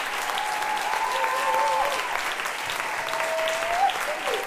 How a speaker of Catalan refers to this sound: Doncs aquests aplaudiments són per la cançó tradicional Kurdal la Figuera, que versionaven les tres vocalistes que estem sentint avui des de Viena.